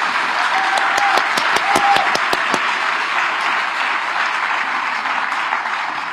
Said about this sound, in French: Conclusion, comme disait le pape François, c'est que les personnes âgées sont la sagesse d'un peuple. On applaudit les personnes âgées. Très fort, si c'est vrai.